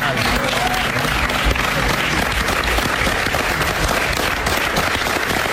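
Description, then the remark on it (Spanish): Colleagues gathered as an audience on a TV studio set at Canal Nou applaud steadily as someone arrives for an interview, dense clapping filling the whole stretch at an even, fairly loud level with a few sharper claps popping out. “hasta que accedió al plató y todas las personas que estaban allí dentro, porque había hasta una especie de audiencia allí, ¿sabes?”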